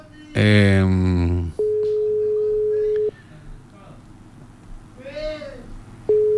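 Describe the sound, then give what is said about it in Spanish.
A WhatsApp call ringing tone as a call is placed to a person via WhatsApp: a loud buzzy burst, then a steady electronic tone lasting about a second and a half, a pause, and the tone starting again, with faint background murmur between rings. “Ya estamos llamándolo ahí vía WhatsApp.”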